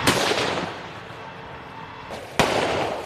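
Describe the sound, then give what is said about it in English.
Heavy gunfire: loud, sharp bursts of shots crack out at the start and again near the end, with a dense rumbling din filling the gaps between them. “Drones also target heavy gunfire.”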